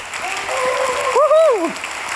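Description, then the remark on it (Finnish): Steady audience applause, given to the heavenly Father, fills the whole stretch, a dense clapping wash, with a voice rising and falling over it in a drawn-out cheer near the end. “Ja jotenkin mä myös ajattelen, että kun ollaan täällä yhdessä, niin eikö me voitaisiin ihan kunnon aplodit antaa myös taivaan isille? Tehdään näin.”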